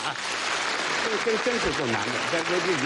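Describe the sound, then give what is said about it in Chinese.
A steady, dense wash of audience applause for a teacher fills the whole moment at an even level, and after about a second someone starts talking over the clapping. “师傅们给这位老师来点掌声吧。”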